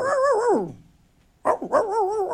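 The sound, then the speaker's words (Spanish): A puppy barks: a drawn-out, falling yelp, a short pause, then a sharp bark that runs into high, whiny yips. No one speaks. “Le mandé saludos al perrito.”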